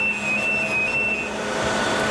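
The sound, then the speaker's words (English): The steady, loud roar of the room housing Archer 2, the UK's national supercomputer: a constant wash of fan noise with a low electrical hum and a thin, high whine running through it, and no voices. “As we stepped through the door, a wall of noise and heat hit us.”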